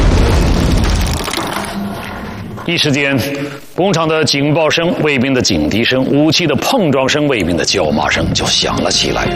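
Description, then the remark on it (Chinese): A dull, muffled explosion of charges set in a heavy water plant, heard from behind a reinforced concrete wall about 18 metres outside the basement door, rumbles low and heavy for a couple of seconds, then fades as a man begins speaking over the quieter tail. “几乎就在同时，他们听到一声沉闷的爆炸声，在硕大的混凝土墙中，这声音显得很低沉。”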